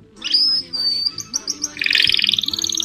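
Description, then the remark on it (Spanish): Small birds chirp and twitter continuously, with a sustained high whistle giving way to a dense burst of rapid, overlapping tweets, clear, with faint low background murmur beneath. “Entre Ríos está lleno de pajaritos.”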